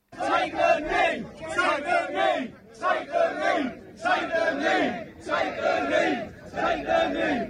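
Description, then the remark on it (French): A large crowd of English protesters shouts in loud, rhythmic bursts, about six chanted phrases in a row separated by brief pauses, many voices blending into a raw, strained roar. “Je veux qu'on écoute ces cris des manifestants anglais.”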